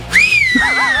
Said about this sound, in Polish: Gwizdy z Barcelony.